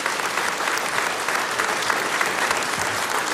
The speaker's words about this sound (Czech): Dámy a pánové, přicházejí Zlata Adamovská a Petr Štěpánek. Zlata Adamovská, Petr Štěpánek, a takhle vám tleská tenhle nádherný historický sál v Luhačovicích.